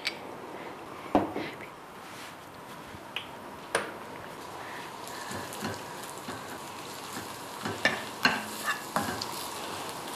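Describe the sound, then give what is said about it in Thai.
Steady crackling sizzle of soaked dried shrimp stir-frying in a little hot oil, with scattered sharp clicks and scrapes of a utensil stirring in the pan. Moderate level, no voices. “กุ้งแห้งที่เราแช่น้ำไว้แล้วเนี่ยลงไปเพื่อรสชาติที่อร่อยคนจีนเขาก็ใช้กุ้งแห้งเนี่ยค่ะเป็นเครื่องปรุงรสมีความอูมามิเพราะว่าเป็นอาหารทะเลแห้งระหว่างเราผัดกุ้งแห้งเนี่ย”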